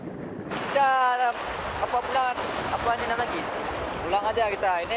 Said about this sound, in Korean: 파도가 점점 거칠어지고 있습니다.